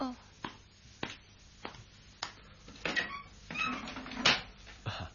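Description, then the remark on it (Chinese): A few sharp, evenly spaced knocks on a door give way to the door being opened, with a rattling, creaking swing and a bump as it comes open. “等我开门睇下咧。”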